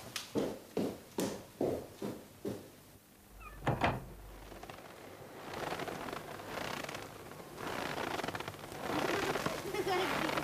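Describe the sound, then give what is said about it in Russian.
Six or so evenly paced, fairly loud crunching footsteps through snow as a woman goes out into a garden on a cold day, followed by a dull thump like a door, then muffled voices and rustling. “Сестра выбегает в сад, я слышу под окном хруст ее шагов.”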